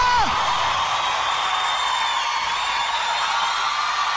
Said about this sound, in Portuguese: Quem gostou do …, soltou o grito.